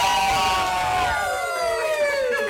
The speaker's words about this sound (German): Das nenne ich mal einen Jubelschrei.